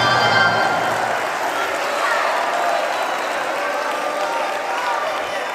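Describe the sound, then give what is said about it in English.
A church audience shouts and applauds during a sermon about multiplication, a steady, dense roar of clapping and cheering voices that holds loud for several seconds without a break. “Did you see how many more people shouted off of multiplication than they did sacrifice?”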